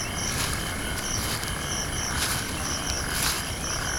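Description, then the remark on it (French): Crickets chirp in a steady, high-pitched chorus of overlapping trills, pulsing in a gentle rhythm over a low background hiss, with no voices, in the grass of the South African savanna on a still-hot early night. “J'entends des grillons et des rapaces nocturnes.”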